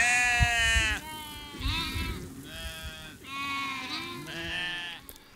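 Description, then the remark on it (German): Sheep bleat loudly in a steady run of about five long, wavering calls, one after another with barely a pause between them, as they are being watered in the evening. Nobody speaks. “Abends noch einmal die Schafe tränken.”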